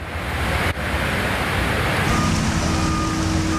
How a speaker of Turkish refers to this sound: Samsun'un Havzi ilçesinde sağanak sonrası dereler taştı. Cadde ve sokaklar göle döndü. Şiddetli akan su araçları sürükledi, yayalar sele kapılmamak için mücadele etti.